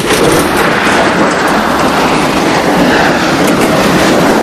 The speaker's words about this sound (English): The B-17 slides along lopsided on its belly. Out of control, it leaves the runway and careers over the grass. The two colonels look on, horrified. So do the airmen. As the plane rumbles to a standstill, flames burst from an engine.